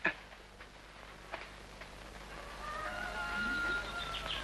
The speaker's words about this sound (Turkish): horozlar öttü, kalk!